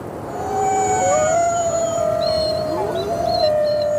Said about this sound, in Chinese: 向上传播的那部分声波，在到达高处较暖的空气层后，会被折射回近地面，从而延长了狼的叫声的传播距离。因此，狼群成员在10公里之外都能听到同伴的叫声。这声嚎叫是在召集狼群，准备狩猎。